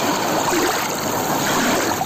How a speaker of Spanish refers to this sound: Un paseo pola beira do mar. Así soan as ondas na praia de Laxe.